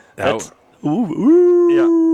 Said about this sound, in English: I know one thing. At least I won't have to hear that damn wolf tonight.